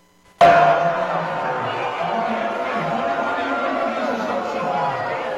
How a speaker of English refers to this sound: They're all booing in their hands, you know, thumbs down, everything else. It's because somebody came on the screen.